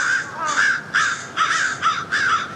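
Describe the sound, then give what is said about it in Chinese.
Crows, having found a dead crow on the ground, give a rapid series of about five harsh, raspy alarm caws in steady succession, fairly loud, over a faint hiss of outdoor background noise with no talking. “乌鸦现在发出的似乎是警报声，之前的警报也吸引了附近的乌鸦过来查看。”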